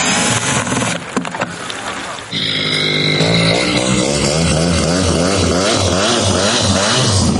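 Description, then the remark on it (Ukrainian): A remotely piloted drone aircraft's propeller engine runs loud while the aircraft is prepared and checked before being sent toward a target, a harsh buzzing drone that starts after a brief rumble and holds steady with a wavering, whining pitch. “Камера показувала, він крутився, мотор працював.”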